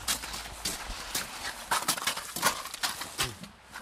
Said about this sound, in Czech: Vodu, vyndáváme tolik misek. A to nejsou misečky, to jsou opravdu mísy.